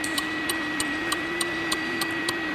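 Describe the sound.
A voice imitates the turn signal of an R11 car with nine crisp, evenly spaced clicks, roughly three per second, over a steady low hum, with no talking.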